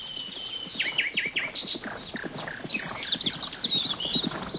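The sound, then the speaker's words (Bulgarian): Wild horses gallop in spring, their hooves drumming in a fast, steady, continuous rhythm, while birds chirp and trill high above the hoofbeats. “Отдавна искам да си уловя един див кон. Хайде да опитаме.”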